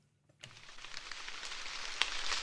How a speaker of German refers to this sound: Leichter Nieselregen prasselt auf den Maisacker von Thorsten Sturm aus dem fränkischen Obernzenn. Seit Wochen der erste Regen.